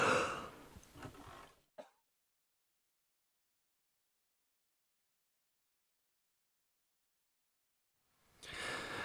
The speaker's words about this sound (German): Ach, ich huste und huste, trinke und huste immer mehr, spaßig. Das ist der wahre Horror, meine lieben Freunde.